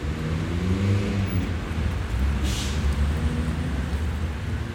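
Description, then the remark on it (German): Steady, dense roar of city traffic in front of Berlin Hauptbahnhof, between traffic lanes and tram tracks, with low engine rumble throughout and a brief hissing burst partway through, like air brakes or tires; no one speaks. “Vor dem Berliner Hauptbahnhof zwischen Fahrstreifen und Straßenbahnschienen beobachtet Polizeihauptkommissar Müller den Verkehr. Ganz schön viel los.”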